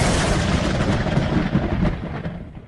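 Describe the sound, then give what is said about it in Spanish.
A storm with loud, rolling thunder: a dense, sustained rumble that fills the whole stretch, then gradually eases and fades toward the end. No voices. “Una tormenta violenta sacudió el avión.”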